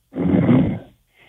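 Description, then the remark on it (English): A male caller from Union County, New Jersey, who fell asleep while on hold to a radio call-in show, snores loudly over a muffled, narrow-sounding phone line, one long raspy inhaled snore, then a brief pause before a faint second breath begins. “You can hear him snoring in the background, Dr.”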